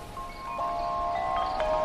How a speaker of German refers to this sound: Das Flüstern des Meeres verschwand und es begann der angenehme Klang von Blättern, die vom Wind bewegt wurden. Man hörte auch den Gesang der Vögel. Jeder könnte stundenlang den Klang der Natur lauschen.